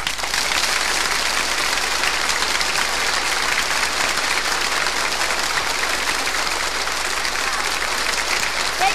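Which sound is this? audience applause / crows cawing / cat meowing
audience applause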